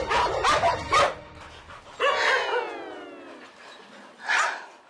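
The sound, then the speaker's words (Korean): Dogs, including one named Mary, bark and snarl in a sudden rough fight as a woman tries to pull them apart: a burst of sharp, overlapping barks, then a long, high yelp that slides downward, and one more loud bark at the end. No one speaks. “그녀는 메리의 싸움을 말리다 다치기 일쑤.”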